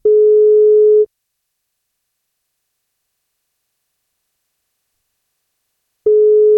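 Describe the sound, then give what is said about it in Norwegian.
A telephone ringback tone heard while a radio breakfast show calls a listener on their birthday: a steady, loud electronic tone lasting about a second, then a long silence before the next ring begins. “Men hvis han har lyst på kake, så må han svare når vi ringer.”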